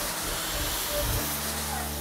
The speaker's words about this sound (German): das zeigt auf jeden Fall Wirkung, weil da ist echt jetzt ein Wasserstrahl, der außen austritt.